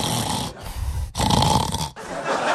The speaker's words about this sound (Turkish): Instagram'da, TikTok'ta falan kocalarını horlarken çekip paylaşan kadınlar var ya